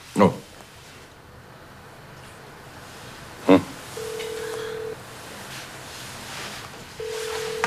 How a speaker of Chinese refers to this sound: 请所长拿你的电话拨一下小玉的手机